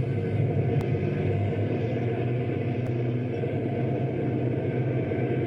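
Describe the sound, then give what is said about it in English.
A deep, steady rumble of the engines of two approaching prison trucks fills the scene, holding at a constant, fairly loud level with a couple of faint clicks on top and no voices. “Hey, here come two prison trucks right now.”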